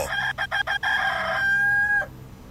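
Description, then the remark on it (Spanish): A rooster crows loudly, its call breaking into several quick choppy stutters before stretching into one long sustained note that cuts off abruptly, with no talking. “Vamos a un corte y regresamos más rápido que en lo que canta un gallo tartamudo.”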